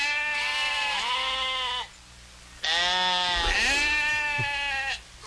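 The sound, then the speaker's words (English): Two long, wavering bleats from a sheep, loud, separated by a short pause, with no voices present. “Is that a goat? Or see, I don't think like sheep. Yeah, it's sheep.”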